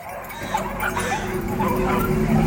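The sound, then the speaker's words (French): Several dogs bark and yelp continuously, overlapping in a noisy, excited chorus with some whimpering, steady in loudness throughout. “Et ces satanés aboiements qui n'arrêtent jamais.”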